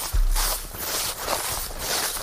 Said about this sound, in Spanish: Y este sonido de pisadas por el bosque acompañará mañana a quienes participen a partir de las 11 de la mañana de esa jornada de rastreo.